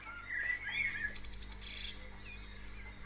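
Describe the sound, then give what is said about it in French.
Several birds chirp and trill in quick, bright, overlapping calls at dawn, a morning chorus of birds waking up, over a soft steady low background hum. “Ah, et ça, c'est le matin, les oiseaux se lèvent.”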